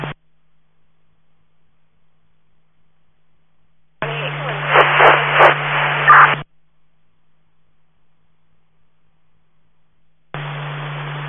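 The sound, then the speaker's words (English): Radio scanner static crackles open in short bursts: a brief blip, a louder two-second hiss with garbled, unintelligible voice-like noise over a steady hum, then another humming burst after silence. “I just copied static.”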